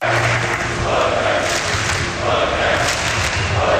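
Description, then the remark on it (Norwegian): A large crowd of Norwegian football fans roars and chants in unison at night, celebrating the men's national team's win in its first World Cup match in 28 years; loud and sustained, with rhythmic shouting swelling in waves and occasional thumps beneath the din of voices. “Blant fotballfansen skal vi høre nå, der var det vill glede i natt.”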